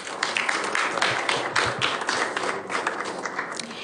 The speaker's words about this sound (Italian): Grazie, un applauso.